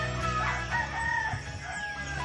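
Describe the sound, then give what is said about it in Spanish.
A rooster crows in a long, wavering call at a rural home farm with hens, over a steady rustle of wind and outdoor ambience, with no one speaking. “Todavía escuchamos el gallo.”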